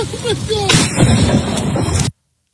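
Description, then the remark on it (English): During a storm at Pebble Creek Golf Course near Cincinnati, a sudden, sharp crack of lightning striking a man filming his friends bursts into a loud, roaring thunderclap that rumbles for over a second before cutting off abruptly. A voice is heard briefly just before. “He got hit by lightning.”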